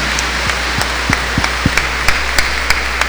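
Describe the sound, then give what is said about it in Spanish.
Audience applause for all mothers on Mother's Day at a church Mass, heard as a sparse run of about ten sharp claps in a fairly steady rhythm over a constant background hiss, with no talking. “Un aplauso muy grande para todas las madres hoy en su día.”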